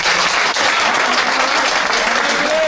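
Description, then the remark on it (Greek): A crowd applauds steadily throughout, a dense, loud wash of many hands clapping at once with no pauses, filling the whole stretch without any voices standing out. “Χειροκρότησαν γιατί τελείωσε Α.”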